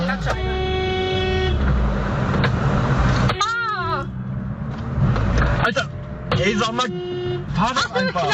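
Several car horns honk from agitated drivers in busy road traffic, some long steady blasts and others short repeated toots, loud over a constant rumble of engines.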